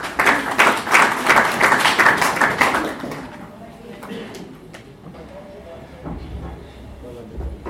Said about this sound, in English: Karibu sana, may we clap for